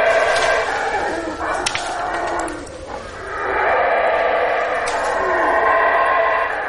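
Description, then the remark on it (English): A group of howler monkeys in a tree roar in a loud, rough, droning chorus that dips briefly midway and then swells again, continuing steadily to the end with no one speaking. “belligerent howler monkeys are hard to anticipate”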